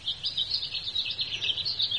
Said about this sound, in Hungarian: Jár ide egy rigó. Körbeugrál, csipeget. Néha fölnéz.